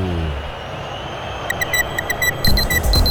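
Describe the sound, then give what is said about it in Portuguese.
A radio station clock sound effect during a live Brazilian football broadcast of Corinthians vs Santos in Itaquera, marking 40 minutes of the second half: a quick run of crisp, evenly spaced electronic ticks starts partway through and grows denser, over a steady low rumble of background noise. “Vem, relógio da Bandirinhos FM, marca, você confere, 40 minutos, etapa final.”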